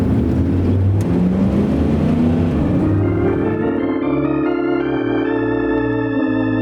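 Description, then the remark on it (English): A stolen car's engine roars and revs, its pitch climbing through gear changes as the vehicle pulls away, loud with no voices. “The man in our story was 32 years old when he stole that car.”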